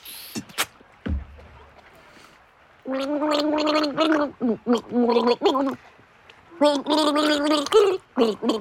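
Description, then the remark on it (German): Someone gargles water while humming a song melody for a listener to guess, producing bubbly, wavering pitched bursts in several phrases with short pauses between, fairly loud after a brief initial splash. “Ich werde dir jetzt 3 Lieder vorgurgeln und du musst sie erraten, okay?”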